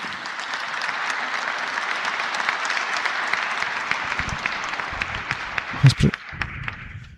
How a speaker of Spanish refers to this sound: Gracias por ese lindo aplauso. Che, me van a hacer acostumbrar.